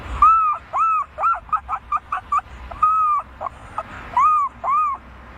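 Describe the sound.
A 12-year-old boy imitates an owl call: a few long, wavering cries, then a quick run of short yelps, ending with more drawn-out cries, with no other talking.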